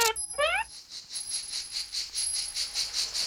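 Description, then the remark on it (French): Cicadas buzz in a steady, high-pitched drone that swells and fades in quick regular pulses, following a brief chiming flourish at the very start. No voices. “Écoutez comme ce son est doux et agréable.”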